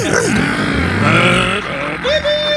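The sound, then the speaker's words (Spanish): A voice mimics a revving race car engine with the mouth, like a boy playing with a toy Hot Wheels race car, buzzing and rising in pitch with wavering harmonics, loud, sustained for a couple of seconds without any words. “Y ahí hacía el ruido del motor con el hocico, ¿se acuerdan?”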